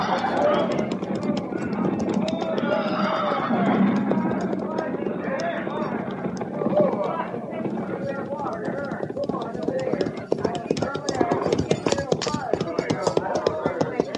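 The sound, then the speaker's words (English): Many horses of a mounted troop clatter in a dense, steady clip-clop, growing sharper and more distinct near the end as they slow to a halt by a creek, with voices and possible neighing blurred underneath. “Tell the men to dismount and unsaddle, pin grazing water.”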